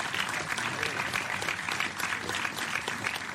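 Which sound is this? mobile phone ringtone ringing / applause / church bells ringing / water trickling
applause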